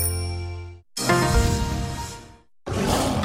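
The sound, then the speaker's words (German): A bright ringing tone fades out, then a lion roars loudly: one long, rough, growling burst followed by a shorter second roar after a brief pause. No one speaks. “Hautnah mit Löwen, Giraffen und Gorillas in 4 tollen Erlebniswelten.”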